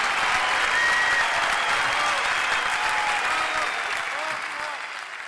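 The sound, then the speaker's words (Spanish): Sustained applause from a crowd, a dense steady patter of clapping that holds loud for several seconds before starting to fade slightly toward the end. “aplauso.”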